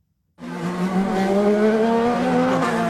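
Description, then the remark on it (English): IndyCar race cars roar loudly and steadily through the streets of Washington, D.C., converted into a race track, at speeds of almost 200 miles an hour, with a high, whining pitch that climbs slightly, starting abruptly and holding intense without any talking. “Cars are roaring through streets more accustomed to presidential motorcades.”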